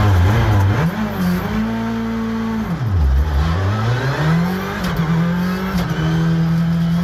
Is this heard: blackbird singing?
no